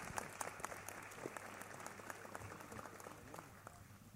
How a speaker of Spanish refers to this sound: De esta forma concluye, señoras y señores, esta cumbre de jefes de Estado y de gobierno del Mercosur. Con un fuerte aplauso despedimos a los señores presidentes, dignatarios presentes en esta cumbre, a quienes invitamos a pasar hasta la sala VIP.